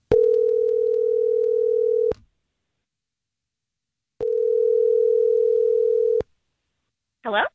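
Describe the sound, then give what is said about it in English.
A phone line rings out twice as a call is placed to a woman, each a steady two-second electronic tone separated by a pause of about the same length, before a brief voice answers at the very end. “Let's call her and see if we can figure some things out.”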